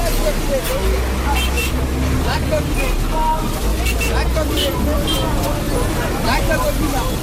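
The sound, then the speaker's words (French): Dense crowd babble and chatter fill the busy open-air central market of Batalimo at midday, where bushmeat is traded, with a steady low rumble of passing vehicles and engines underneath, constant and fairly loud throughout. “Comme chaque jour à midi, le marché central de Batalimo s'anime. Ici, le commerce de la viande de bouse se déploie dans une agitation intense.”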